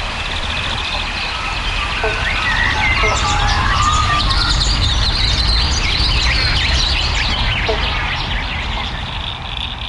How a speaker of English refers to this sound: Hear the frogs. There's several species calling right now. Banjo frogs or bobble bonks. I used to think it was one frog going bobble bonk, but the males, they'll start off with a bonk, and all the other males try and get as close to that first bonk